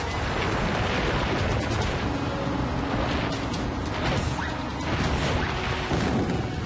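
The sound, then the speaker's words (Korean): Heavy rocks tumble and crash down a mountain toward dinosaurs in a continuous loud, rumbling roar, with sharp cracking impacts breaking through again and again. No voices are heard. “공룡체 타고 굴러오는 저 바위들을 막아줘!”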